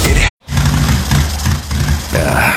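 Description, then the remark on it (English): A motorcycle engine sputters loudly during a cross-country trip, cutting out abruptly for a moment before coughing back to life with a rough, uneven low rumble that pulses and wavers. “Bike sputtering on me.”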